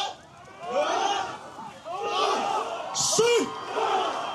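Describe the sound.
Villagers shout together in repeated loud, rhythmic bursts, a coordinated heave cry as they lift a boat to carry it to the water, during a ceremony preparing them to row more than 100 miles to the Batanes Islands, northern Philippines. Several voices overlap, with brief pauses between calls.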